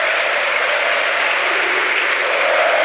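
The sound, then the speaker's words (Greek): A football match crowd applauds steadily, a dense wash of clapping that holds at an even, fairly loud level throughout, with no voices standing out. “Αλλά το χειροκρότημα πάντως του κόσμου.”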